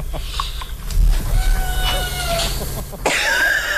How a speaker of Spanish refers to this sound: ¿No lo oís? Sí, oímos que maulla, maricón. Pero no que dice hola.